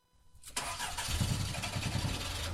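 A car engine cranks briefly and then catches, settling into a steady low rumble that continues with no talking.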